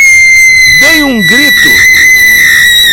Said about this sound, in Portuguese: E foi neste momento que eu comecei a gritar.